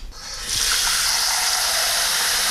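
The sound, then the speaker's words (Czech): A little water runs steadily into a pot, a continuous rushing hiss that swells after a brief start and stays strong throughout, with no talking. “Čili já dám teďko do hrnce trochu vody.”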